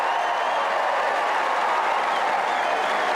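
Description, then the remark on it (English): A large tennis crowd at Wimbledon applauds steadily with scattered cheers for Arthur Fery after his afternoon performance, a dense, continuous wash of clapping that stays loud and even throughout, with no talking over it. “And the reaction from the crowd, and how he's conducted the crowd.”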